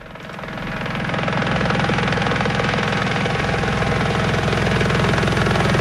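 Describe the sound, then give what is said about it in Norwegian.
A loud helicopter, carrying a rocket-like measuring probe on a line beneath it to map geology and Chernobyl fallout over Nordre Land, Søndre Land and Valdres in Norway, drones steadily, its rapid rhythmic rotor thumping under a broad roar of engine noise, swelling in during the first second and then holding constant. “Om du bor i nordre eller søndre land, har du kanskje sett en rakettliknende greie henge i en tråd fra et helikopter.”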